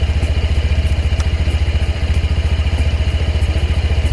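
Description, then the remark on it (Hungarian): A Honda PCX 125 scooter engine, just started again, idles steadily and quietly, its low, even putter pulsing at a quick regular rhythm with a faint mechanical clatter on top, and no voices. “Ami nekem baromira tetszik, és akkor megint beindítom, hogy ennyi, tehát a fordulat tényleg annyira halkan jár, olyan szépen jár”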